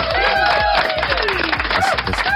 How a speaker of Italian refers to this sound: Un applauso.